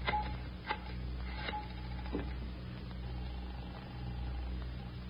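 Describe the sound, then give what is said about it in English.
A telephone being dialed to place a long-distance call to Fountain Green, Utah: several sharp clicks and short tones spaced out over a few seconds, fairly quiet over a steady low hum, with no one speaking. “Can I use your phone”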